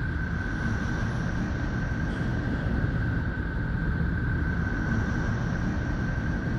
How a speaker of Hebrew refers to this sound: ממש מזכיר קצת נשימות. אנחנו תכף נחזור לצלילים של נפטון.